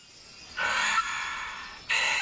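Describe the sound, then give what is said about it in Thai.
A Vogelkop bowerbird mimics a lesser sulphur-crested cockatoo: two loud, harsh, raspy screeches, the first drawn out over more than a second, the second starting abruptly after a short pause, alone. “และนี่เป็นเสียงนกกระตั้วหงอนเหลืองเล็ก”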